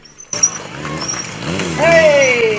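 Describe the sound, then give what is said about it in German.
A stunt motorcycle engine at a motorcycle stunt show in Trebsen, Germany, revs loudly, its pitch climbing and then sliding down in a long whining sweep over a steady wash of background noise. “Spektakulär, was der Trebsner mit seinem Motorrad alles kann.”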